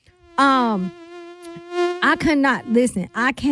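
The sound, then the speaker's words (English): A voice imitates a mosquito with a loud, steady, nasal buzzing whine held for about a second and a half, then breaks into choppy, fluttering buzz bursts. “You don't even pay attention how badly you've been bitten by the mosquitoes until it's time to go to bed and you itching like you got the daggone chicken pox.”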